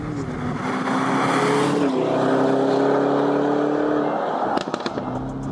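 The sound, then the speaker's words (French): A Lamborghini Urus engine drones loudly and steadily at high revs on the Circuit de l'Ouest Parisien race track, its pitch dipping as it shifts gears and then rising again, with a brief sharp click-like burst near the end. “Mais quand même, quand t'es dedans, le son, c'est une Lambo.”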